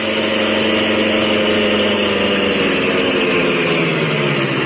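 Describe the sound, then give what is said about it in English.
The Green Hornet's sleek black car, the Black Beauty, idles steadily in the court outside James Conway's study, a loud continuous rumble with a droning harmonic hum and even hiss that holds without change throughout, with no voices. “With this as his plan, he guided the sleek black beauty to the court outside Conway's study.”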